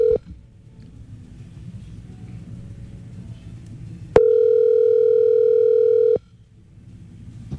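A loud, steady telephone tone hums for about two seconds as a phone call is placed, with a brief blip of the same pitch at the start, over a low rumbling background and no voices.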